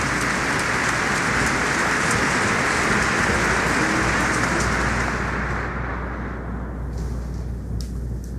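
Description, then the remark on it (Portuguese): A crowd applauds Dom Rubival in thanks in a dense, steady wash of clapping that holds strong for several seconds, then thins and softens slightly toward the end, with no voices heard. “Uma salva de palmas a ele e agradecimento.”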